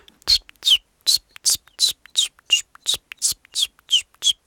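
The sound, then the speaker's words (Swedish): A common chiffchaff sings its steady chiff-chaff song: about eleven short, high, slightly breathy notes repeated at an even, unhurried pace with no talking. “Jag har varit i Göteborg nyligen och där sjöng bland annat gransångar som är ganska sentida invandrare i södra Sverige.”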